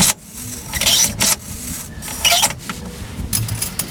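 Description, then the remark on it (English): Busy mechanical noise from a light aircraft engine being fuel-rich primed with the master switch on: repeated scraping, clunking strokes and hissy bursts over a low rumble, with no voices. “Fuel rich prime the engine.”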